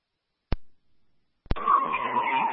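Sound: car braking hard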